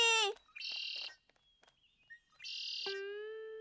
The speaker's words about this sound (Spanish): ¡Esa es la canción del Mirlo!